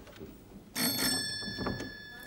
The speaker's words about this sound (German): Bitte, klingeln Sie.